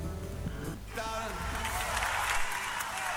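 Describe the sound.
An audience applauds, a dense, steady wash of many hands clapping that swells after the first second and keeps going at an even, fairly loud level, with a voice briefly audible at the start.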